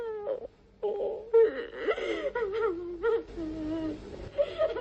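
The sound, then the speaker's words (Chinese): A young girl sobs and wails, her voice rising and breaking in uneven, shuddering bursts with brief catches of breath between cries. “哭声把白天大伙在白桦林里的热情和幻想全都冲淡了。”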